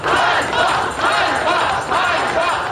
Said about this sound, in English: The crowds chanted shame in a rare public challenge of Zelensky's leadership.